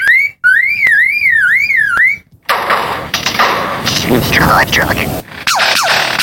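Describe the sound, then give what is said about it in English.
A lyrebird mimics electronic noises: a wavering, siren-like warble broken by sharp clicks and bangs, then a loud, harsh burst of crackling static with quick whistled sweeps. “The lyrebird is one of the best of all bird mimics.”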